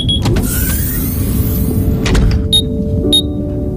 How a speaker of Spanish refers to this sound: El módulo 14C del buque submarino emite un pitido. La cápsula de Indiana se cierra mientras la respiración de su ocupante se va ralentizando, acompasada por el suave oleaje marino.